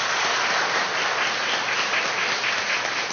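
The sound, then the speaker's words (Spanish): An audience at a Eucharist applauds those who did the readings, a dense, steady wash of many hands clapping that holds at an even, fairly loud level for the whole stretch, with no voices over it. “Démosle su aplauso también.”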